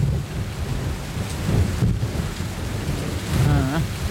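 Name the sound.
heavy rain with thunder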